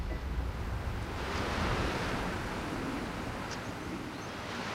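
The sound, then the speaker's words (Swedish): Steady harbour ambience of washing waves and surf with a broad, continuous rush, some low wind rumble, and no voices, holding at an even level throughout. “Och nu skyndar han sig ner mot hamnen.”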